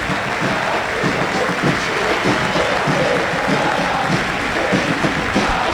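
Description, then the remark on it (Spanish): A large stadium crowd at the San Lorenzo vs Talleres football match applauds steadily in recognition of Messi, with even the footballers applauding, a dense wash of clapping that holds at an even, fairly loud level for several seconds with a faint crowd murmur underneath. “Y aplauden hasta los futbolistas.”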